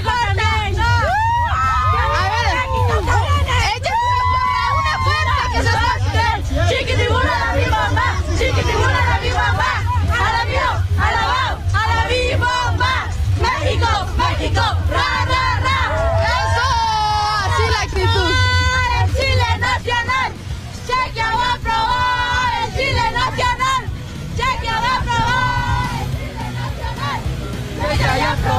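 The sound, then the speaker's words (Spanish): A large crowd of fans of the Mexican national team cheers, shouts and chants at the Fan Fest in the Zócalo over a dense, continuous roar of voices, with a steady low rumble and hiss of rain underneath throughout. “Así es lo que se vive en el Fan Fest del Zócalo.”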